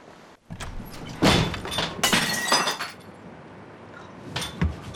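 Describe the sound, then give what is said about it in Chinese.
A pane of glass falls and shatters with a loud crash, followed by a second burst of breaking and tinkling shards, then a short final clatter as pieces settle. “哎呦，这玻璃怎么还掉下来了？”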